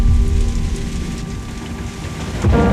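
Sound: heavy rain with thunder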